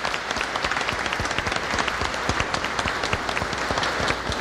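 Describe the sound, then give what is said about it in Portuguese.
A church audience applauds a sister celebrating her birthday, dense overlapping claps forming a steady, even roar of clapping that holds for several seconds without any talking. “Vamos dar uma salva de palmas para ela.”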